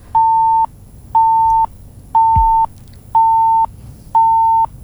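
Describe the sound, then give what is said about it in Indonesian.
A steady electronic beep repeats five times at an even pace, each tone about half a second long with short gaps, clear and fairly loud over faint low background noise, a call-waiting signal for another incoming telephone call. “Ini yang mana nih yang bunyi seperti ini? Karena ada telepon lain juga yang masuk ini.”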